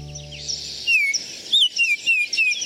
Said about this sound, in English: The flute-like call of the male northern oriole, also known as the Baltimore oriole, announces the arrival of spring in many northern backyards.